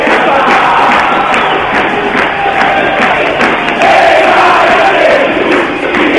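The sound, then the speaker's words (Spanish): A football stadium crowd at a Quilmes match rises and roars after a low cross, in a dense, steady wall of shouting that stays loud throughout and swells briefly partway through, with no single voice standing out. “Se levanta los pocos, pero se levantan, escucha.”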